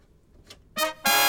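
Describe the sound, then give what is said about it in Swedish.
A loud, brassy horn signal marks an urgent traffic alert on a Swedish radio traffic report about a truck and car crash on route 73, Nynäsvägen, at Sockenvägen toward Stockholm: a short blast, a brief gap, then a second sustained blast that carries on to the end. No one speaks. “Och där har vi en akut tuta”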